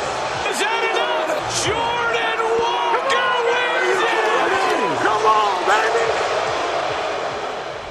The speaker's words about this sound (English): Again, they run the crowd noise higher than it really is. Yeah. And drown out the announcers.